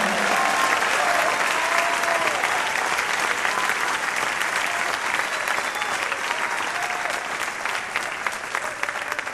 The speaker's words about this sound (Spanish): Si lo crees, dale el mejor aplauso de tu vida al Señor.